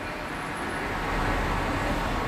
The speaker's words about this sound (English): Cars.